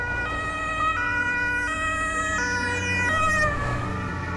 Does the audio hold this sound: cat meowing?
no